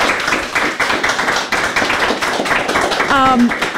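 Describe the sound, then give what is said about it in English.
A crowd at a poetry reading event applauds a reader with dense, steady clapping that fills the whole stretch, loud, with a brief high tonal whoop or cheer rising out of it near the end. “Everybody clap so hard”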